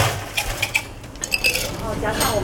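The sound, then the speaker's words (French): A tea master drops ice cubes into a glass of black milk tea with tapioca pearls, a quick run of bright, irregular clinks and rattles over a low background hum and faint murmur of activity. “Il va ajouter des glaçons.”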